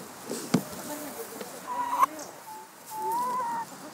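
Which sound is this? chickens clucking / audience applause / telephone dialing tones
chickens clucking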